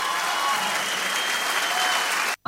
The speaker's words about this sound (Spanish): Nicolás y Fede, fuerte aplauso para ellos dos.